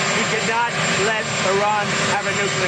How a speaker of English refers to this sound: He's talking in front of a loud helicopter.